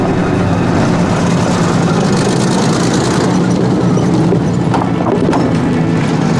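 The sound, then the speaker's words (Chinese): A convoy of motorcycles and four cars rumbles past, a loud, steady mix of engine drone and road noise that stays continuous throughout, with no voices. “辆摩托车，四辆轿子什么的。”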